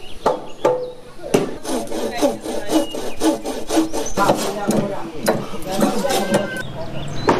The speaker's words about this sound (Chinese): 房屋的组装要一直持续到天明。村民们在房架上反复敲打每一个连接的环节，确保咬合紧密，没有偏差。